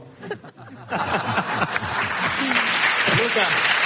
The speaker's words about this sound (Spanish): estamos haciendo el programa en directo en Almería y que sepas que tú, socialista, acabas de arrancar el aplauso de un programa de radio.